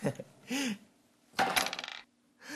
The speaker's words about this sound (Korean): 그렇다면 계속해서 주사위를 굴려주세요. 이번엔 제가 굴려볼게요.